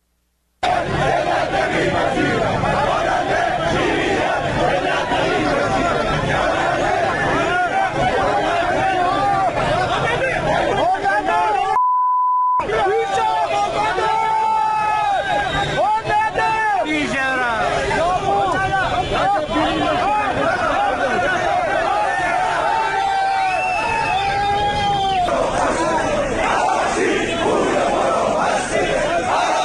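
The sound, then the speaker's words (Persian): A large crowd of people who lost money in heavy-vehicle import schemes chants and shouts loudly and continuously on a Monday, the second day of protests, outside the Ministry of Industry, Mine and Trade in Tehran, many voices rising and falling together over a dense roar, with a brief cut partway through. “تصاویر رسیده به ایران اینترنشنال از دومین روز تجمعات اعتراضی مالباختگان پرونده های واردات خودروهای سنگین حکایت میکند”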